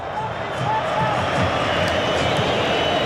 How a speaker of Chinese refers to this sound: 96分钟，阿根廷2-1领先。 这个时候我们看每一次大脚的解围都会赢得球迷的这种掌声和呐喊啊！ 这是阿根廷球迷的呐喊， 对对，一定是阿根廷球迷，